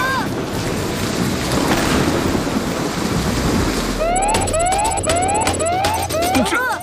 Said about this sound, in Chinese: 这不可能，怎么会有这么强的闪电？ 不好了，伞形防护罩被雷劈掉了。